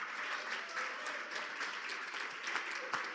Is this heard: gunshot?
no